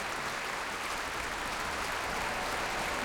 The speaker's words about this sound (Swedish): En stor del av publiken här i Bävalhallen står upp nu faktiskt och applåderar. Och det är fullsatt. Det är fullsatt både på scen och fullsatt på parkett och på balkonger.